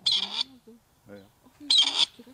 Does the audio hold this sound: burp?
no